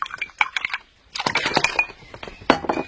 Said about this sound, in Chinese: 哎，你过来，你看啊，你只要用这个鼠标轻轻点击一下就行了。